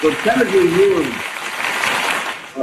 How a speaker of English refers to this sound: Look, you even got some hand claps.